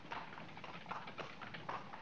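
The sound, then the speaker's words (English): Horse hooves clip-clop at a steady trot, pulling a horse-drawn cab, with rhythmic, moderately loud hoofbeats and a faint rolling rattle beneath. “The horse and cart would make it too simple for the cops to be finding us.”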